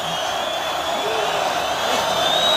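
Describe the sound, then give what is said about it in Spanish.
A large bullring crowd roars and shouts together, calling for a second ear for matador José María Manzanares, in a dense, steady wash of voices that holds at a strong, even level and swells slightly toward the end. “El público que pide la segunda oreja.”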